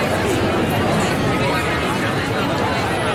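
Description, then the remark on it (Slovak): A dense crowd of people chattering at once, a steady, loud wash of overlapping voices with no single speaker standing out, continuous for the whole stretch; a crowd sound played on Fan Rádio for a listener game of counting sounds during a song. “Rozumej dav ľudí.”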